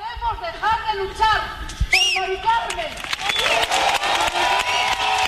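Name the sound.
crowd applauding and cheering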